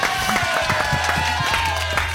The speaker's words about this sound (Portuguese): E dali do nosso lado esquerdo, fazendo a dupla de ataque, Faísca e Fumaça, os melhores de todos. Uma salva de palmas para Dodô e Dentinho.